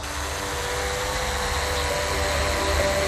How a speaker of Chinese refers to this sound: 眼前这架搭载高清摄像与人工智能算法的无人机，是新昌水利局的数字治水利器。 遥控器目前显示正常，可以正常起飞。